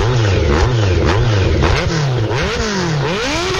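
A motorcycle engine revs repeatedly, its pitch climbing and dropping in quick rising surges, loud, with no talking over it.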